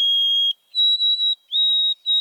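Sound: white-throated sparrow song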